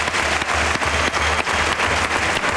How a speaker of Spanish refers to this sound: Y ahí recibe una fuerte ovación del público.